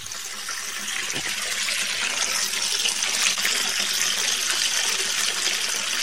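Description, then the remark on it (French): Water flows steadily from the Tiro spring, framed by mango trees at the foot of a hill southwest of radio FM Nonsuna, a continuous bright rushing and splashing hiss that holds at an even, fairly loud level for the whole stretch, with no voices. “C'est là que se trouve la source Tiro. Encadrée par des manguiers qui semblent la protéger, elle coule et donne de l'eau en toute saison.”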